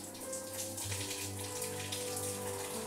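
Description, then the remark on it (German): Cold water is poured over the back and fins of Annabelle, an animal with a body temperature over 39 degrees, to cool her: a steady splashing trickle with light pattering drops over a low constant hum, and no one speaks. “Hier vorne stressen wir sie eben nicht, sondern dann wird der Rücken und werden eben die Flossen mit kaltem Wasser benetzt, damit sie darüber entsprechend jetzt ein bisschen Kühlung bekommt.”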